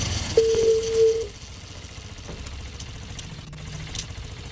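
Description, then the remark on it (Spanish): A telephone rings once with a steady electronic tone lasting under a second near the start, during an Olímpica Estéreo radio call-in contest, over a low, continuous engine-like rumble that carries on afterward. “Ahí está timbrando el teléfono.”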